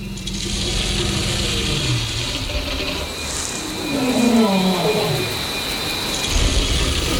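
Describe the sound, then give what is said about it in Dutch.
Continuous gritty scraping through soil as deinotheriums search for food, with scattered crackling snaps of roots catching behind the tooth, and a low, drawn-out groaning rumble rising and falling in the middle of the scene. “we hoorden dat geschraap in de bodem. En dat, hoor je dat knappen? Dat zijn wortels, die blijven dan achter die tand haken.”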